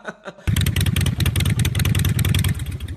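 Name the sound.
motorcycle engine revving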